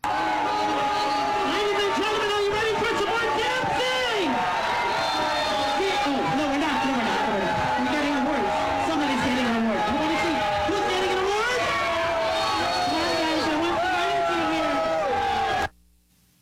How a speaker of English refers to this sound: First of all, he went to an event with a bunch of cops in Staten Island, and I want to play this for you and get your reaction to it. Mamdani getting booed off the stage.